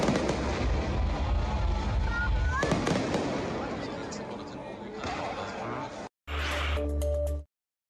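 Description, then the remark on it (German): A large musical fireworks display on a Sunday evening, closing this year's old town festival (Altstadtfest): fireworks boom and crackle in irregular bursts over a steady rumble of background noise, with faint voices underneath; the sound cuts out abruptly near the end, then returns briefly. “Das große musikalische Höhenfeuerwerk am Sonntagabend war der sichtbare Abschluss des diesjährigen Altstadtfestes, womöglich mit einem Besucherrekord.”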